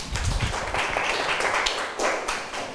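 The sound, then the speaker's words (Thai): A group of students clapping for a classmate in a brief burst of applause during a math lesson, a dense crackle of many overlapping hand claps that holds steady for a few seconds without any talking. “ครับปรบมือเพื่อนหน่อยครับ”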